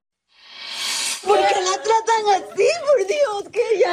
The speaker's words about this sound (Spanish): Agentes del condado de Polk, en Florida, esposan a una mujer mientras su hija yace en una cama de hospital, llorando histéricamente mientras intenta aferrarse a su madre.